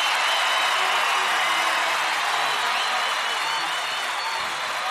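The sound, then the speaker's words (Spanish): A large audience claps steadily for a singer, a dense, loud wash of applause that fills the whole stretch and fades only slightly toward the end. “¡Fuerte ese aplauso!”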